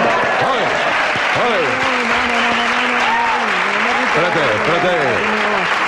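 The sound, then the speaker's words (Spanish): Loud, steady applause from a large audience fills the whole stretch, with scattered voices calling and cheering over the dense clapping. “En una entierro no se puede aplaudir.”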